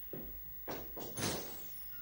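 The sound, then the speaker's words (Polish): A door at a doctor's office is opened for a patient, a soft knock-like thud followed by a few rattling, scraping bursts as it moves, fairly loud, with no one talking. “Siostro, proszę otworzyć drzwi.”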